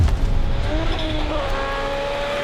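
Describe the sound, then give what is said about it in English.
A rally car roars past at speed on a gravel stage of the World Rally Championship in Finland, its engine note climbing steadily in pitch over a loud, rough rush of noise, with no voices. “The cars are going to be flying here in Finland. We will see them hit 190 kilometres an hour on these fast straights.”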